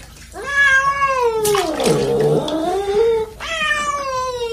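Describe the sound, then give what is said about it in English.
A cat being bathed in water yowls loudly in a long, wavering, drawn-out cry that dips low in the middle, then starts a second yowl right after. No one speaks. “Well, the cats don't like to be washed. They scratch, you know, and they bite if they have a chance.”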